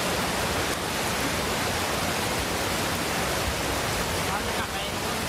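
Heavy rain pours down late at night in Pattaya, Chonburi, Thailand, in a steady, dense roar lasting over an hour, mixed with the continuous rush of floodwater quickly flooding many areas, loud throughout with no pauses.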